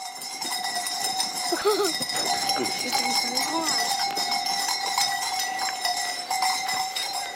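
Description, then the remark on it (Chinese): A herd of Dongshan goats on a farm halfway up a mountain, their bells clanking and jingling continuously, a couple of faint bleats rising briefly near the start, while a person speaks over the scene. “以养殖家禽和种玉米为主，其中养的最多的当属喜欢攀高山的山羊。”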